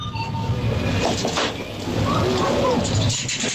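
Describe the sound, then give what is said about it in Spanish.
A coin-operated vending machine for food and drinks clatters: a run of sharp mechanical clicks as a product is selected and metallic coin jingles over a steady, dense background hum, with bursts of rattling toward the end. “El clic, clic, clic es cuando seleccionas el producto, ¿no? Y aquí se oye monedas.”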